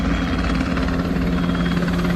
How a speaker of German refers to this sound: Hubschrauber über der Stadt, eine Kolonne aus rund 70 Militärfahrzeugen mitten in der Nacht, eine Drohne mit Sprengstoff über dem Hafen.